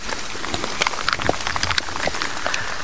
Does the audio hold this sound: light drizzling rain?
yes